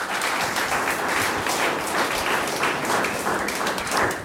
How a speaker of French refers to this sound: On peut l'applaudir.